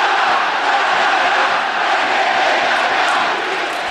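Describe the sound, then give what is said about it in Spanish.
A huge football stadium crowd of about 14,000 fans at the Estadio Fiscal in Talca roars and chants in unison, a loud, sustained wall of voices with no breaks for the whole few seconds. “14.000 gargantas van a gritar el R con el que ustedes van a escuchar.”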